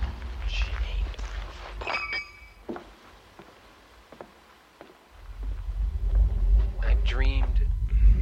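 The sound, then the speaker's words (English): Irregular, soft footsteps tap along a sidewalk over a steady low rumble, with a few brief higher tonal chirps and murmurs rising near the start and end. “You're walking along the sidewalk and then you hear the sidewalk and the noise.”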